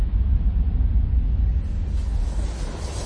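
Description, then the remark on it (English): A jet airplane rumbles overhead, a deep, steady, continuous low roar with a hissy upper wash that brightens slightly near the end. No voices are heard. “The jet engine shrieks as you stack blocks or push plastic cars, and the rumble you feel through the floorboards is the promise of home.”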